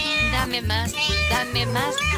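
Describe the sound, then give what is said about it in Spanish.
A cat meows several times in quick succession, loud, each call rising and falling in a whiny, drawn-out tone with short gaps between them, as Kennel scientists at a university try to adapt an anti-barking device to cats. “Mientras tanto, en la universidad muy prestigiosa de un lugar muy prestigioso, los científicos de Kennel intentan adaptar el desladrador a los gatos.”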